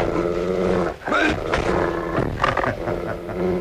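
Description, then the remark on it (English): A dog, Carlo, snarls and growls ferociously in continuous bursts, harsh and loud, lunging at a man on the floor, with a brief pause before the snarling surges again. “Look him straight in the eye. Look at him, not 6 inches from your throat and dying to go in closer.”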